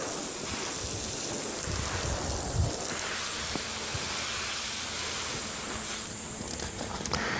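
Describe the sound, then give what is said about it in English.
A steady, gentle hiss of fine water spray falling on soil to water seeds in a garden, continuous and even throughout, with a soft rushing, wind-like texture and no voices. “and it doesn't wash the soil readily, and it makes a very nice, even, gentle spray to water the seeds.”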